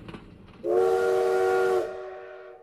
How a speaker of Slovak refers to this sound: Toto bol posledný vlak, ktorý pustili z Bratislavy.